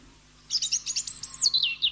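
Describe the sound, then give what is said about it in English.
A quick series of high, sharp phalarope calls, chirping in a rapid stuttering run for about a second and a half, clear against a quiet background. “And thus we say, Happy Father's Day today to the phalaropes.”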